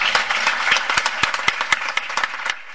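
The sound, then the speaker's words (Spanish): An audience applauds the staff team running a day centre and care home: a dense, steady wash of many hands clapping, with sharper individual claps popping out irregularly throughout. No one speaks over it. “Quiero un aplauso para ellas porque...”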